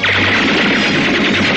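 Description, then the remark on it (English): A loud, dense volley of gunfire fired through a window pane crackles continuously for a second and a half, harsh, with no voices over it. “Fire a volley through the window pane.”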